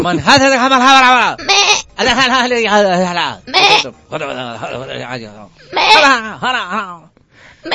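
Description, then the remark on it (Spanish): A person loudly imitates a sheep or goat, letting out a series of quavering, wavering bleats, one after another with short pauses between them. “Tú dices que siempre que ves una película de árabes hay una oveja, hay una cabra, una oveja, una cabra, no sé qué.”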